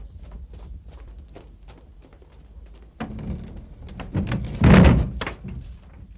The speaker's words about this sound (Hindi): मत खोलिए, दरवाजे बंद कर दो।